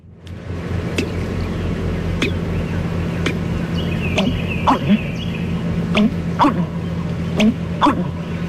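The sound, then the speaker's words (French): An American bittern calls with deep, gulping, watery notes repeated in a loose rhythm, mixed with sharp ticking clicks over a steady low background hum. “Le deuxième oiseau qu'on va faire, c'est le butard d'Amérique.”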